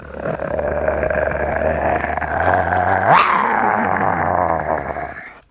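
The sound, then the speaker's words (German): A person imitates a tiger's growl, a sustained, rough, rumbling snarl lasting several seconds that swells to a louder peak midway, with no speech. “Und du musst die Tiere nachmachen. Oh ja, das mache ich total gerne, Frank. Toll, toll, toll. Ja, was denn für welche? Einen Tiger.”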